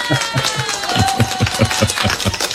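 Loud, steady applause, cued on a show to welcome an attorney guest, with a brisk rhythmic clapping beat and a wash of crowd noise running the whole time, with no one speaking over it.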